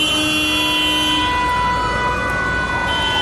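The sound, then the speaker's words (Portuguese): Steady, loud traffic noise in the Zona Norte, with several car horns held in long, overlapping honks, their tones layered at different pitches throughout the few seconds, with no talking. “O trânsito que era aqui.”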